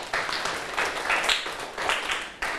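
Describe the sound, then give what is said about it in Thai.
A group of students in a class claps for a classmate who answered a question correctly, a steady patter of applause, fairly loud and continuous for a few seconds, with no talking over it. “ถูกต้องนะครับปรบมือให้เพื่อนหน่อยครับ”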